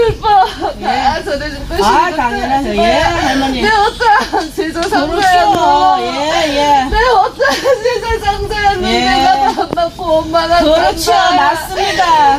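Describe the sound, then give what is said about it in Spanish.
A person cries loudly and continuously in wavering, sobbing wails during a ritual called GUT, the pitch sliding up and down, with other voices faintly overlapping in the background. “Pues está riendo o está llorando. Está llorando.”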